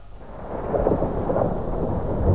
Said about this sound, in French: C'est un orage qui se prépare.